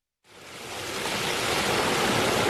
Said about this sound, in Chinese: 8月6号，随着埃里克塔木取水的电子闸门缓缓抬升，塔里木河的最长源流叶尔羌河河水奔涌而下，水流一路绵延超过350公里，在与和田河交汇后最终汇入塔里木河干流。